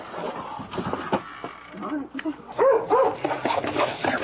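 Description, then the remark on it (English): A dog lets out a series of short, sharp barks and yips, fairly loud, clustered in the second half amid background noise and murmuring voices. “That is what the dog's like.”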